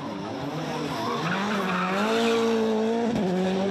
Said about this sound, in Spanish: Vimos al legendario conductor de Fórmula 1, David Coulthard, haciendo drifting por las calles de Zagreb en un bólido de Fórmula 1. Una experiencia fenomenal.